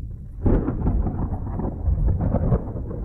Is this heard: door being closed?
no